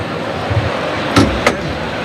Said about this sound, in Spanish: Ahí está el cerrojo que se abre. Se abre la puerta de toriles, la central de esta meseta de toriles.